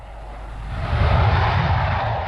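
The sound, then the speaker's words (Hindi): A military Fouga jet that was harassing United Nations ground forces roars overhead, its broad engine rumble swelling over the first second and then holding steady and loud. No voices are present. “एक फौगा विमान जो यूनाइटेड नेशंस की जमीनी सेनाओं को लगातार परेशान कर रहा था, उसको शांत करना बहुत जरूरी था।”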